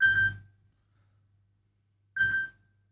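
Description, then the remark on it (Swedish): A telephone rings twice, each ring a short, bright electronic tone, separated by about two seconds of near silence over a faint low hum. No one speaks. “Det ringer, det ringer. Hör, vem kan det vara? Hallå?”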